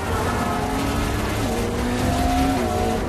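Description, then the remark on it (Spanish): A car and a motorcycle race along a very busy avenue, the motorcycle chasing the car: engines roar and whine continuously, their pitch rising and shifting at speed amid dense traffic noise, loud throughout with no voices. “Se enfrascan en una carrera a lo largo de una avenida muy transitada.”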